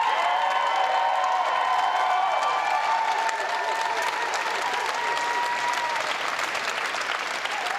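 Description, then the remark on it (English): A large crowd applauds at length as Andy Burnham sweeps into power as Prime Minister, before his first speech: a dense, steady wash of clapping that holds its loudness throughout, with faint cheering and whistle-like tones threaded through it. “A large crowd here, long sustained applause.”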